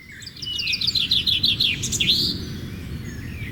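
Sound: birdsong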